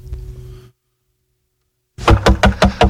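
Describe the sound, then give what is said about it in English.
Loud, rapid knocking on a door, about five firm raps in quick succession, coming after a faint low hum and a stretch of silence. “I think I killed her, Patrick, come on, man, I can't knock no more.”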